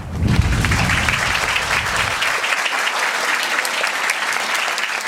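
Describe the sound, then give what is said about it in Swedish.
Steady, dense rush of wind blowing on a house rooftop overlooking Hamburg, loud and continuous, with heavy low buffeting for the first couple of seconds before it settles into a hissing, crackling roar. No voices. “Har du fått noga blåsen nu?”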